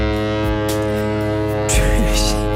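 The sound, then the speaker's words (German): A ship's deep, steady foghorn blast drones continuously, a rich buzzing low tone with many overtones that swells louder and harsher toward the end. “Ein Typ auf einem vorbeifahrenden Schiff in Norwegen hat aber einfach mit einem Nebelhorn einen Eisbären geweckt.”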